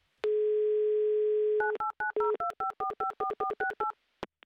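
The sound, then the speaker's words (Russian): A steady telephone dial tone hums for over a second, then gives way to a quick run of about a dozen two-pitched keypad beeps, ending with a short click, as a call is placed to a contestant. No one speaks. “Так, номер набран. Будем ожидать соединения.”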